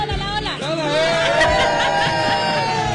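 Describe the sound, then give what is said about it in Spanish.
A dense street crowd of Colombian football fans at La Chula on Calle 138, waiting to watch the Colombia national team match, shouts and cheers in a continuous loud roar, with overlapping voices and a few sustained chant-like tones rising above the babble. “Así como ustedes lo ven allá atrás, están ya prendidísimos y están dispuestos a de todo, a comer, a tomar, a pasarla bueno y a gritar todos los goles de la Selección Colombia.”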